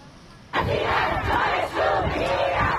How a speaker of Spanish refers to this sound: El primer grito lo dieron las mujeres iraníes. Otros muchos miles les secundaron en las calles de todo Irán para pedir el respeto a sus derechos y un cambio político.